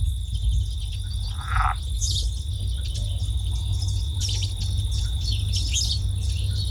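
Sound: small birds chirping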